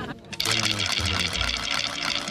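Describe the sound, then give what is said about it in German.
A wooden watchman's rattle (Rätel) of the rattle watch of the Free Hanseatic City is swung to announce the start of the watchman's duty, giving a loud, rapid, continuous clatter of dry clicks that starts abruptly and keeps whirring steadily for about two seconds. “Und wisst ihr überhaupt, was ein Rätel ist?”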